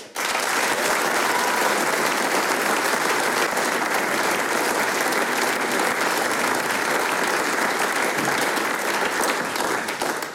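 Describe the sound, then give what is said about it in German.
Sustained, dense final applause from a large audience for the performers at the end of a concert in Fonsdorf, loud and steady throughout with a continuous rush of clapping and no clear individual beats, fading only slightly at the very end. “Ich darf um einen ganz, ganz großen Schlussapplaus für unsere Mitwirkenden bitten, und zwar …, die …, die …, den …”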